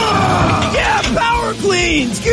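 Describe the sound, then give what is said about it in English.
Loud, strained vocal outbursts of yelling and grunting from people working out at a gym, several overlapping voices bellowing in a continuous, harsh stretch of shouting with rising and falling pitch. “While at the gym, respect others and make sure to keep your grunts and groans to a minimum.”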